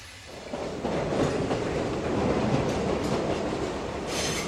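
A crowded train bound for Battambang rolls steadily along the rails, a dense, continuous rumble with faint rhythmic clatter and a brief hiss of higher noise near the end. No one speaks.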